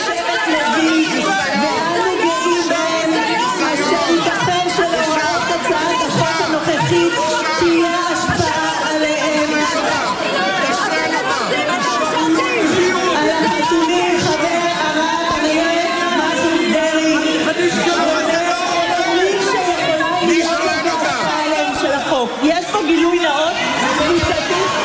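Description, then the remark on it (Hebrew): A crowd of voices shouting over one another in a chaotic din, loud and continuous throughout with no pauses, raised tones overlapping into a dense babble. “בעיקר צעקות”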